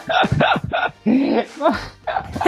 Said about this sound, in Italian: Il tuo cane abbaia fino alle 11 di sera.